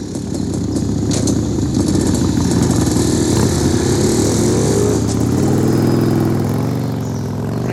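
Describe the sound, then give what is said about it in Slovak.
Several motorcycle engines rev loudly, their pitch rising and shifting as they pull off, the roar easing slightly toward the end as they ride away. “Tu tí motorkári? No počkajte, vy chuligáni.”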